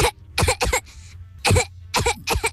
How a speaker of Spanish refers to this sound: esta es mi tos.